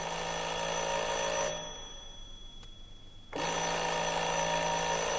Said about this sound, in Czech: Někdo zvoní. Bude to ten, co prvé. Projevuje se úplně stejně. Hrozně.